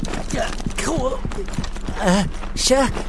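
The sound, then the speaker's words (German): Quick, evenly spaced running footsteps pound for a few seconds as someone runs carrying a bag, while a voice makes wordless gasping and squealing sounds over the steady rhythm. “Vom Rennen wird Huckepuck ziemlich dolle durchgewirbelt.”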